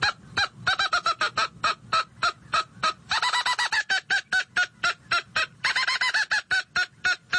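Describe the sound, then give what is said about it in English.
A hand-held mouth-operated squirrel call imitates an angry squirrel's mad bark: a loud series of harsh, raspy chirps, steady at first, then bursting into quicker chattering runs, with no talking. “That last series was more of a mad bark that a squirrel will do.”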